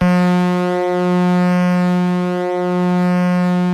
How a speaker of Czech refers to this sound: Jojo, houkání parníku. Bez něho se lodní doprava neobešla. Plavba v mlze nebo špatné viditelnosti, bylo v jejich zájmu dát o sobě vědět a předejít na moři srážce. Zvuky parníků sloužily také ke komunikaci.